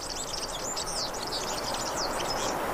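A European serin (Serinus serinus), a yellowish bird of fields and farmland, sings a rapid, high-pitched jingling trill that runs unbroken for a few seconds, fairly faint against a steady background hiss.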